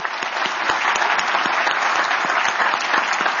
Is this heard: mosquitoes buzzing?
no